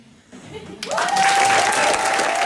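A burst of loud crowd applause swells in after a brief quieter moment, dense clapping filling the space with a faint tonal whistle or cheer riding on top.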